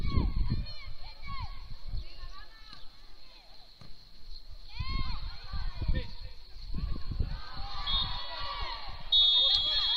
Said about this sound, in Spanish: Cuando señoras y señores, señala el pitido colegiado, nos vamos a ir al descanso.